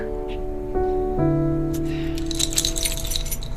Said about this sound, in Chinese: 我当时把这个钥匙弄得叮当响，我就想让您知道我回来了。